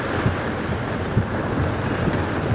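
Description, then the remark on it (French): Strong wind roars steadily across the microphone on a boat in the heart of a thunderstorm with rain and lightning, with low buffeting gusts thumping irregularly and a broad rushing noise like water and spray around the hull. “Bon, on est vraiment au cœur de l'orage.”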